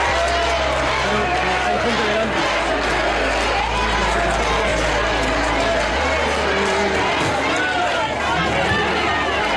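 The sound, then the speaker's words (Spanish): A large, noisy crowd at the Festa do Marisco in O Grove greets Pedro Sánchez with a steady, loud roar of overlapping voices, applause, shouts of "guapo", cheers and boos, with no single voice standing out. “fue recibido con división de opiniones entre aplausos y gritos de guapo y también abucheos.”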